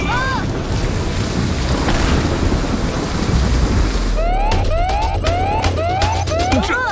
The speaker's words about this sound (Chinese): 这 不可能！怎么会有这么强的闪电？ 不好了，伞形防护罩被雷劈掉了。